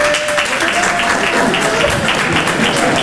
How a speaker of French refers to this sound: 300 personnes, t'entends la tristesse de l'applaudissement, comment elle est triste ? Voilà. C'est pas un applaudissement, ça, c'est du morse que t'as fait. T'as fait SOS, SOS.